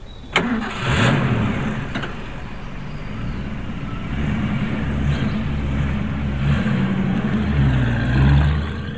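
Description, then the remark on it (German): A heavy truck engine, a truck loaded with glycerin, cranks and catches after a sharp click, then rumbles low and steady, revving up as the truck leaves a military base, with no one speaking. “LKW hat den Stützpunkt verlassen.”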